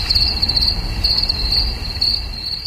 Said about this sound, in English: Sounds familiar, right? That's because it's a cricket.